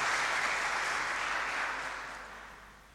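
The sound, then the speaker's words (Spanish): A church audience applauds to thank the woman in charge of the altar servers, a dense wash of many hands clapping that holds steady and then gradually fades over a few seconds. No voices are heard. “Un aplauso para ella y darle las gracias por el servicio que presta en nuestra comunidad.”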